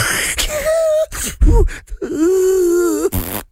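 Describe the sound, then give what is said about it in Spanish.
A voice mimics loud snoring, with harsh, breathy snorting bursts between drawn-out groaning, wavering tones. It is fairly loud, with no words spoken. “Bueno, eso es otro roncas por varios lugares.”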